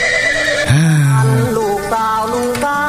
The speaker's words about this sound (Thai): ดีเจครับขอเสียงม้าหน่อยได้ไหมฮะเพลงนี้สะใจมากๆเลยนะฮะเสียงม้าหรอม้าก็มาอ่ะ